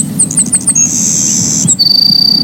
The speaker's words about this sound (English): I remember my first Savannah sparrow quite well. I can still see it.